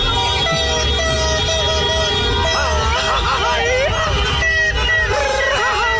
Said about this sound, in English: Drums, fireworks, car horns. Actually, you're not that far off. This little noise is El Sondito. Little noise.